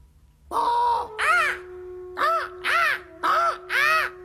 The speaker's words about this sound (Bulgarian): Птица! Някаква. И тя отлетя.